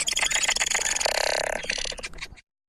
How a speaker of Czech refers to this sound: Pomocí QR kódu si tu můžete spustit zvukovou stopu a vydat se na procházku mezi barevné dřevěné kůly. Uslyšíte tu různé sekvence zpěvu papoušků.